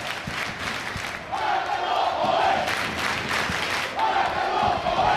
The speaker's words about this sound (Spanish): Pues en efecto, la gente que ha estado esperando hasta el final, y ahora gritos de Baracaldo, Baracaldo, vamos a escuchar.